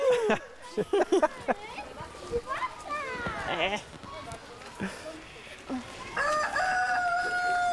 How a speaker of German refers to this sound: Boah, ein Hühner. Wir wollen sie alle essen. Achtung, Hühner, pass auf, das sind Raubtiere. Oh, jag sie alle. Die sind nicht für dich. Aber ich bin erstaunt, wie wenig Angst die Hühner haben.